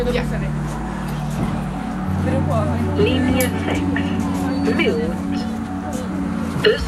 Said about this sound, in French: Le bus arrive.